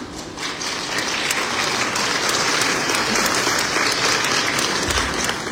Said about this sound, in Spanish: Le recibimos, por favor, con un fuerte aplauso.